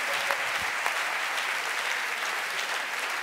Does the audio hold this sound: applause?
yes